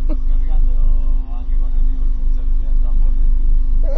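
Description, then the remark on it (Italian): Car engines idle steadily throughout, a deep continuous rumble with a constant humming tone, while people talk over the engine noise. “Ah, perché c'è le macchine per accese allora?”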